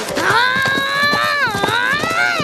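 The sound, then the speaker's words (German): Rapid, steady hoofbeats of horses galloping off as a Comanche father and son ride away from town, with a loud, drawn-out wavering cry ringing over them the whole time. “Beleidigt verlassen Vater und Sohn das Büro und steigen draußen auf ihre Pferde.”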